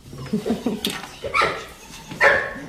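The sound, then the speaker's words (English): A dog barks several times in quick, irregular bursts, some sharp and yippy, others more like whimpering, with a little background noise between them, at a hotel and ranch complex in Romania whose stables hold ponies, a horse and puppies. “The stables are filled with ponies, a horse, and puppies.”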